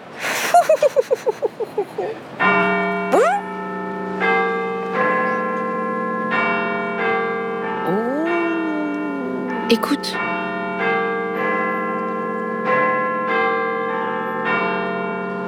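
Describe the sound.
Big Ben, the largest bell in the city, high up in a tower, tolls again and again in a steady rhythm, its rich deep ringing tones overlapping and sustaining, preceded by quick ticking pulses, while a voice briefly speaks over it.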